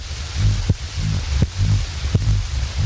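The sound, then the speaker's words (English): A deep, throbbing heartbeat pounds steadily like a drum, each low thump arriving about every three-quarters of a second over a constant booming rumble, with no voices. “It's the Heartbeat Disco.”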